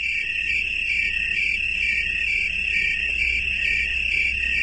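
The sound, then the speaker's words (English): A dense chorus of crickets trills continuously in high, steady bands, many insects blending into one unbroken shimmering drone over a low background hum, with no voices present. “There is safety in numbers for chorusing crickets.”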